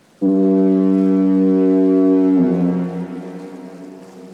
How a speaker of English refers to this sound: Ever since the beginning of the century, there has been a foghorn at the entrance of Vancouver Harbour at Point Atkinson. Until 1976, Vancouver residents heard a very powerful diaphone on foggy days.